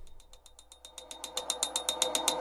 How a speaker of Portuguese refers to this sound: Peraí. Estão ouvindo esse barulho aí? Sério, sou só eu que tô ouvindo? Você aí no carro, tá ouvindo essa bateção de pino?